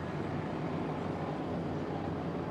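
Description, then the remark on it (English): A racing boat engine spools up during a run, roaring without a break, a low droning rumble wrapped in broad hissing noise that holds steady in loudness throughout, with no voices present. “Can hear it spooling up there.”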